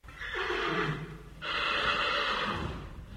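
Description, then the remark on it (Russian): A bleeding mare with a torn wound on her neck neighs loudly in two long, strained calls in a small clearing surrounded by spruce trees, the second rising in pitch and sounding desperate and distressed. No one speaks. “Наконец он увидел ржущую лошадь посреди маленькой полянки, окруженной елями.”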